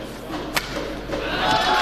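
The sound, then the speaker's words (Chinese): A single sharp crack of a badminton racket striking the shuttlecock, Anders Antonsen's forehand baseline attack on the first point against Shi Yuqi, an error, in the 2026 Thomas Cup semifinal, China versus Denmark in Horsens, Denmark, stands out against a steady wash of crowd noise that swells slightly toward the end. “上来的第一分安东森在正手底线位的突击，这一拍球出现了失误。”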